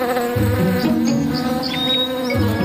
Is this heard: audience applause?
no